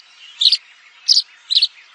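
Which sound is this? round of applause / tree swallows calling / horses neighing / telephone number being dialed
tree swallows calling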